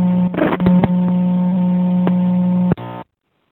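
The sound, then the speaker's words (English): Street ambience at a payphone outside the main hotel: a steady droning hum over muffled background noise, broken by a few sharp clicks, then cutting off abruptly into silence. No one speaks. “That is the payphone outside of the main hotel.”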